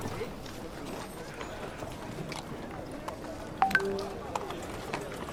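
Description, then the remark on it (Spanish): Horse hooves clip-clop as a horse crosses through town in San Miguel de Tucumán, a steady rhythmic clatter against a busy background murmur, with a couple of sharper knocks partway through. “Algunos comentarios, algún caballo por allí que cruzaba, iba, digamos, empezaba a movilizarse a esta hora, a las 9 y 10 más o menos de esa fecha.”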